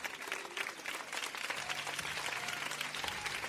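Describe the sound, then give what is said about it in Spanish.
An audience applauds steadily, dense overlapping claps forming a continuous crackling wash, with faint voices and a low hum underneath. “Eso, aplaudan.”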